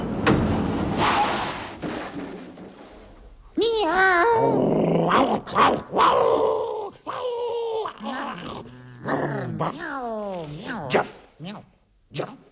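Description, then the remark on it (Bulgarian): A voice imitates a young stray dog, opening with a rough, sustained growl, then a run of yelping, bark-like cries with wavering pitch, fairly loud. “Това съм едно бездомно куче.”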